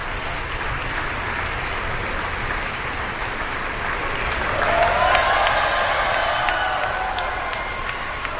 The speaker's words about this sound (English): Two timpanists acknowledging their applause there.